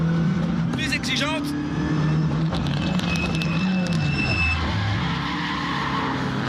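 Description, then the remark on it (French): A car drives along with a steady, loud low engine drone that rises and falls in pitch as it shifts and accelerates, with brief high-pitched whines and squeals on top. “On a affaire à une voiture qui est beaucoup plus moderne dans son comportement.”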